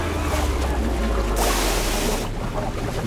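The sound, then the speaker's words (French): Rough ocean water churns with a deep, constant rumble, and a loud wave surges and crashes through the middle before the turbulent wash settles back. “La plupart se noient dans les vagues.”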